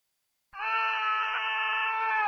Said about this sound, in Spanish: El grito que pegas cuando ves tu celular y tienes 10 llamadas perdidas de tu mamá.